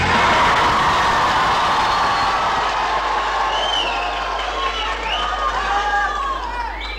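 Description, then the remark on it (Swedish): A crowd of about 200 young people from Tranås and Jönköping cheers and shouts happily at Folkets Park in Jönköping, Sweden, many excited voices overlapping in a loud, continuous din that holds steady for several seconds, with a low hum underneath later on. “De spontana glada röster vi hörde här alldeles nyss, de kom från en kör”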